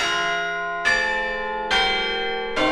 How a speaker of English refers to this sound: If the bells of Christ Church Cathedral seem to be ringing longer than usual this Sunday, you're not imagining it. This Sunday, the cathedral will mark the 90th anniversary of its tower bells with a special quarter peal of change ringing